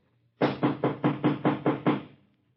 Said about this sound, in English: No sooner had Evelyn closed the door behind her and started hunting for the light switch than she heard a loud knocking.